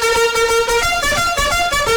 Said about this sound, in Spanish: Yo con el despertador quiero el trompetazo para todos aquellos que en estos momentos no se quieren levantar